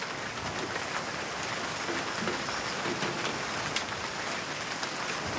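Steady rain falls in a dense, even hiss, with occasional sharper drops ticking out above the wash. The sound holds at a constant moderate level with no voices.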